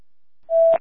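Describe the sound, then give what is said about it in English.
A short, loud, steady electronic fire department dispatch pager tone, sounded for a fire alarm call, holds a single pitch for a moment and then cuts off with a brief crackle. No one speaks. “Chester, disregard your tone.”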